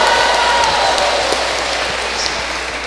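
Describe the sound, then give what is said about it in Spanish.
An audience applauds a group after their song, clapping steadily for about three seconds, a dense, loud wash of many hands with no pauses, faint high whistles or tones drifting above the clapping. “Muy bien, un aplauso.”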